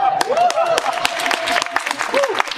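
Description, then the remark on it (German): An audience applauds steadily with dense, irregular claps at moderate loudness for a few seconds, while a sustained, slightly wavering voice-like tone carries on over the clapping. “Der Applaus kommt an der richtigen Stelle.”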